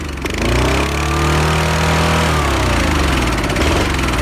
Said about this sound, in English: Can you tell me what engine I'm revving this morning? Oh, it sounds like a ride-on lawnmower.